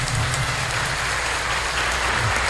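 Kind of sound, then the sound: crowd, applause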